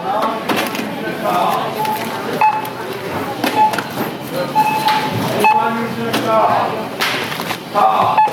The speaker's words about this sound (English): So now I'm at the self-checkout to see if I can do, if I can talk through this. I'm not going to be able to, but you can hear the beeps.